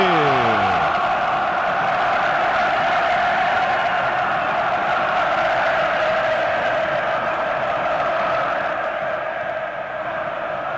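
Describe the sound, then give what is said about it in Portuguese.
A São Paulo football crowd roars and chants at the Morumbi stadium as São Paulo and Boca take the field, a dense, loud wall of voices holding steady for the whole stretch, opened by a brief falling swoosh. “Ouça a torcida que conduz da Band News FM!”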